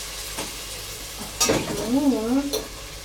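Meat fries and sizzles steadily in a hot pan while it is stirred to keep it from sticking, with a few sharp scraping and clinking strokes and a brief murmur of a voice partway through.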